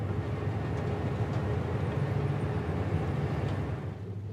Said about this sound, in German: Der Bahnhof von Nouadhibou.